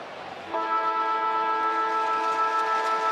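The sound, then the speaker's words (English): The quarter-time siren ends the first quarter of an AFL match between Port Adelaide and the Sydney Swans. It blares one long, steady, loud horn-like tone with rich harmonics that cuts in over crowd murmur after half a second and holds unbroken to the end. “Quarter time siren goes.”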